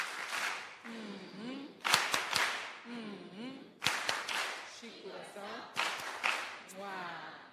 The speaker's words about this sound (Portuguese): Quero pedir aos meninos aquelas palmas carinhosas para a nossa Presidente e a Assembleia da República.